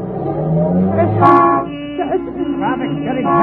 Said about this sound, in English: Traffic's getting heavy. We're almost bottled up.